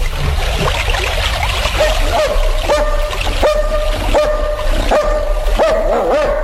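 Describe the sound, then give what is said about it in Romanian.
A dog barks repeatedly and steadily, about half a dozen loud barks at a regular pace, over a noisy outdoor background. “Dar cum te cunoaște câinele ăsta?”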